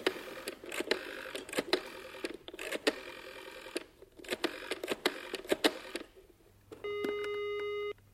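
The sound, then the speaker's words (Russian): Sharp, rapid clicks in short bursts as a rotary telephone is dialed to call Graves, fairly loud, followed by a steady electronic tone on the line near the end. No one speaks. “Вот что, позвони Грейвзу.”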